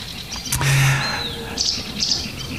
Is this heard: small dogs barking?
no